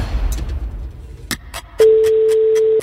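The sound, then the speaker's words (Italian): A single long, steady telephone ringing tone sounds loudly for about a second, a pure electronic beep on the line, preceded by faint crackle and a few sharp clicks; it is the second ring of the call. “Secondo squillo.”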